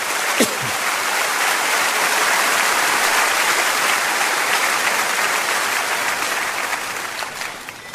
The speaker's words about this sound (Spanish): Amén. Claro que sí, dele un fuerte aplauso.